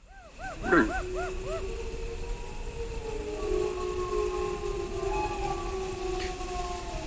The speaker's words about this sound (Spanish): Bueno, yo creo que estos son lobos adultos los que hacen estos aullidos así graves. Lo hacen para comunicarse con otros de la manada. Y lo que suelen provocar estos aullidos de los adultos es la respuesta de los jóvenes y los cachorros